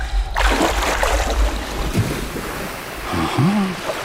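Shallow seawater washes and sloshes steadily near the shore, a continuous surf hiss with some wind buffeting the microphone, and a brief low tonal swoop near the end.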